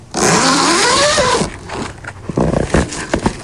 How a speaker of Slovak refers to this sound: Áno, zips. Zips, nie hociaký zips, ale zips nastane, lebo ak leto, tak aj stanovačka, ak letný zvuk, tak aj otváranie a zatváranie toho stanu